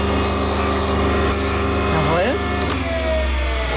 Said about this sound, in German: Das ist immer noch so ein bisschen scharfkantig. Ja. Da muss man jetzt per Hand mit dem Handschleifstein auch die Kante brechen.